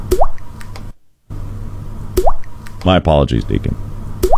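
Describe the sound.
Clear water drips plink at a slow, steady pace, about one every two seconds, with a man speaking briefly between them over a low background hum.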